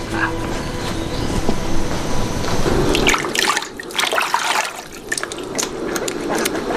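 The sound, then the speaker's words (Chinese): A steady rushing noise gives way to bright, splashy trickling as water is poured into a cup for someone, fairly loud, with no talking. “我给你倒水。”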